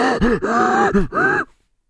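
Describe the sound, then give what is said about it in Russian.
Loud, strained breathing of a racing driver under heavy lateral g-forces in long high-speed corners: four effortful, voiced groaning gasps in quick succession, each straining upward in pitch, followed by sudden silence. “То есть ровно то же самое, что вы слышите, когда, например, слышно, как дышит летчик в момент тяжелейших перегрузок в воздухе.”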